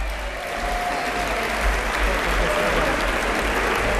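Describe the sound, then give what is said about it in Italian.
Sustained applause in the Italian Chamber of Deputies after a vote passed 227 to 164, a dense steady roar of clapping that holds at a fairly loud, even level for the whole stretch, with faint voices mixed into the din. “Insomma, senatore, grandi applausi dopo un voto molto sofferto che si temeva potesse essere insidiato da franchi tiratori, da assenze.”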